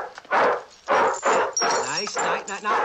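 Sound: dog barking and whimpering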